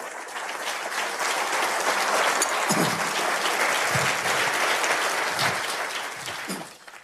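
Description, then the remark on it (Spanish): Sustained applause from an audience for the 'King of Kings', a dense wash of clapping that holds steady for several seconds before tapering off, with a few faint voices mixed in. “Antes un aplauso al Rey de Reyes.”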